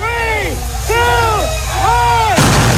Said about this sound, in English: ¿Are those cohetes or some gunshots? Who knows? Micho, who knows? No, at a Tekashi party, you never know. They were cohetes. They were like, well, there was a whole show.